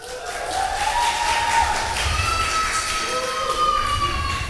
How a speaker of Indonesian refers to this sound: Baik, sebelumnya kita mau dengar dulu dong mana suara dari para pendukung finalis kita pada malam hari ini. Kurang semangat. Kurang semangat kan? Sekali lagi dong, tepuk tangan yang meriah.